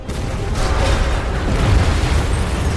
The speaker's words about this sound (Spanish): Una enorme explosión hace que el final de la pista se doble y se derrumbe.